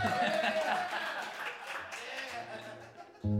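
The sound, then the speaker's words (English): An audience at a live music show applauds the sound engineer steadily for about three seconds, a dense wash of clapping with crowd murmur and faint tonal sounds underneath, ending in a sudden louder low thump. “A big hand for Bob here on the sound, killing it. Big hand for Mario.”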